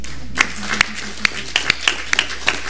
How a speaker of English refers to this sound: Thank you. Fathers, give yourself a round of applause, will you?